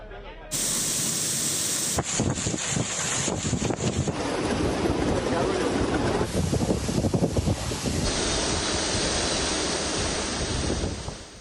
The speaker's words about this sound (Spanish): Bueno, ya lo ven, la tarde ha dejado fortísimas trombas de agua en el este peninsular, reventones húmedos con granizo y rachas de viento de más de 140 kilómetros por hora que han provocado la caída de árboles, calles anegadas y daños muy visibles